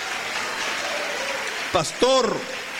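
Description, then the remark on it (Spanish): A church audience applauds for the Lord in a steady, even wash of clapping. Near the end, a couple of short, raised voices call out over it. “Mire, denle un aplauso al Señor, usted que está ahí atrás, hermano afligido.”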